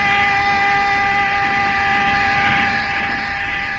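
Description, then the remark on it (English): A train, the 412 from Charing Cross, roars steadily through Tulse Hill Station without stopping, a loud continuous rumble layered with sustained high whistling tones that fade slightly toward the end. No one speaks. “The only girl I ever loved is on the 412 from Charing Cross. Here it comes now.”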